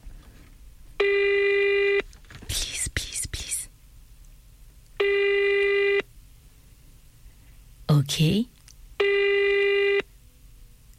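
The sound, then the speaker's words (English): A telephone rings three times in a steady pattern, each electronic ring lasting about a second with long pauses between, while a voice murmurs briefly in the gaps. “Please answer.”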